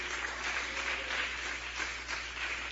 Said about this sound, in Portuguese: Palmas alegres para Jesus, igreja.